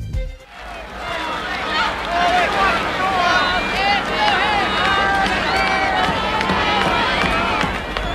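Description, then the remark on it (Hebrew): A large crowd at a parade applauds and cheers as the president's car is about to arrive, with many overlapping voices calling out over a steady, loud wash of clapping that carries on without a break for the whole stretch. “כן, אפשר כבר לשמוע את מחיאות הכפיים.”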